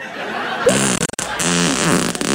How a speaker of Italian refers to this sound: Lo sapeva che io riesco a scorreggiare dal culo a richiesta?